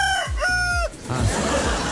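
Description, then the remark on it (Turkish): A rooster crows loudly in one strained, harmonic call that tails off, followed by a burst of rough, noisy farmyard sound. “Horozun sesi.”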